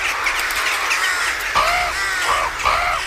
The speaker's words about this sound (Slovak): Havrany? Kam letia? Rovno na východ, za slnkom. No, kam havrany letia, tam musí byť aj nejaký živý tvor.